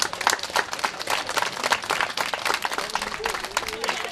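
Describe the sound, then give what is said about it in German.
Children clapping enthusiastically alongside the giving of small gifts, a dense, continuous patter of hand claps with excited voices mixed in, steady and lively for several seconds. “Neben kleinen Geschenken gab es vor allem von den Kindern viel Applaus.”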